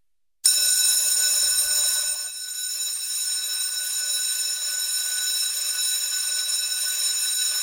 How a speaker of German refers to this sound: Wenn die Glocken im August also wieder durch die Waldner Schulzimmer dröhnt, heisst es für die Schüler wieder Handy weg.